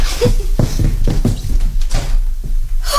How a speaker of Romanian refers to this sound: Iar e cineva la ușă. Mai bine ar fi lăsat-o deschisă.